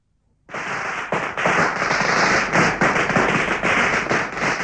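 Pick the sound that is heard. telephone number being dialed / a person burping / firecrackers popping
firecrackers popping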